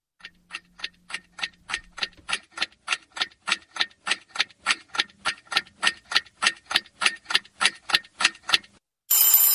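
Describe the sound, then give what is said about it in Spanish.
A mechanical alarm clock rings in the morning in a rapid, steady series of bright metallic bell strikes, loud and insistent, building slightly in volume before a burst of noise cuts it off at the end. “El despertador es uno.”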